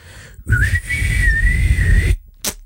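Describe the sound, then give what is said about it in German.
A person whistles one steady, sustained note, fairly loud, imitating an answering machine's beep, with breathy noise beneath it, followed by a brief sharp click. “Aber Sie können mir gerne eine kurze Nachricht diktieren nach dem Pfeifton.”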